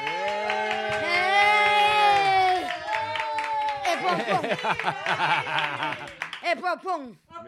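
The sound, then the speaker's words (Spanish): A crowd cheers loudly in a sustained ovation, with voices singing and shouting together, then it breaks into bursts of cheers and scattered shouts before fading at the end. “Mira qué ovación te acaban de meter”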